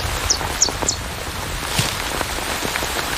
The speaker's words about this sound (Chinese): 雨下得更大了，雨滴顺着树叶滑落，淋湿了巢中的欧戈东雏鸟。